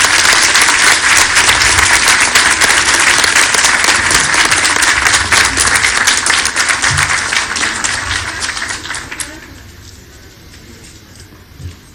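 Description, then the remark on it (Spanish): A crowd applauds loudly with dense, steady clapping for about nine seconds, then the applause quickly thins out and fades to near quiet. “Un aplauso grande.”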